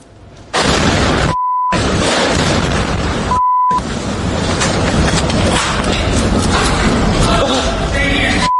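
A second explosion from a missile strike in Kyiv, during a massive Russian attack, reaches people sheltering in an underground passage. It erupts into a loud, harsh, distorted roar lasting several seconds, interrupted twice by brief steady beep tones.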